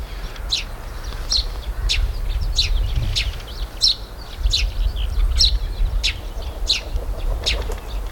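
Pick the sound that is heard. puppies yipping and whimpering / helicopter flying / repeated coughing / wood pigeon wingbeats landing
wood pigeon wingbeats landing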